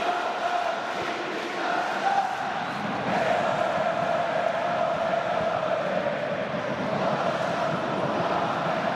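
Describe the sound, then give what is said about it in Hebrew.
A large football stadium crowd roars and chants continuously after Itay Hazut's 44th-minute penalty makes it 1-1 between Be'er Sheva and Haifa, a dense wall of cheering voices holding steady and loud throughout with no pauses. “איתי חזות בפנדל לפני דקה אחת, בדקה 44, כובש מנקודת ה-11, אחרי נגיעה של שטייפמן ביד ברחבה, והקהל היא משתגעתי בגללם. קבלו את זה.”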